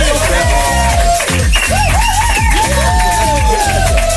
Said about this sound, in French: Bonsoir As, merci d'être là. On applaudit As.